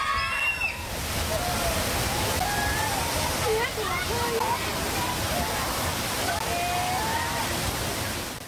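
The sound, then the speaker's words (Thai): A loud, steady roar of a rushing flash flood torrent at a village in Mae Sam Laep subdistrict, Sop Moei district, Mae Hong Son province, Thailand, pouring on powerfully without a break, with a faint voice now and then barely audible beneath it. “ตรงนี้เป็นหมู่บ้านในตำบลแม่สามแลบของศพเมยจังหวัดแม่ฮ่องสอนนะครับทีนี้นอกจากกระแสน้ำที่ไหลเชี่ยวรุนแรงที่เราเห็นแล้วเนี่ยยังซัดสะพานในพื้นที่เสียหายทำให้การเข้าออกหมู่บ้านเป็นไปอย่างยากลำบากครับ”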